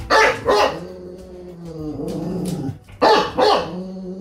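Horst, a bulldog living in Hüttenberg in the Lahn-Dill-Kreis, barks loudly: two quick barks, a drawn-out low growling whine, then another pair of sharp barks. No one speaks.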